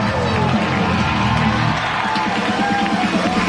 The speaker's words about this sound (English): And it's a six-run eighth inning for the Patriots. Down the high five line, igniting a crowd of 7,098 on this Saturday night.